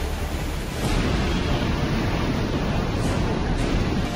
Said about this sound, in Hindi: सबसे पहले जम्मू कश्मीर के बांदीपोरा की इन तस्वीरों को देखिए। भारी बारिश के बीच नाला पूरे उफान पर है। लहरें घरों के किनारों को छूती हुई तेजी से आगे बढ़ रही हैं।